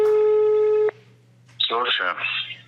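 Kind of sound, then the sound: signal or alarm, telephone call ringing tone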